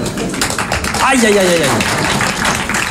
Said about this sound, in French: L'applaudissement, c'est jamais qu'une manifestation tout à fait instinctive du système nerveux cérébro-spinal, par laquelle le chimpanzé ou la ménagère manifestent leur joie frénétique, incontrôlée, à la vue d'une banane